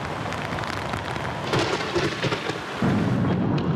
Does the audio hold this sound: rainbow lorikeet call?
no